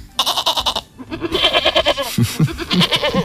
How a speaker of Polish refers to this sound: A co tutaj sobie tak po studiu hasa i hałasuje? A kozulki sobie hasają.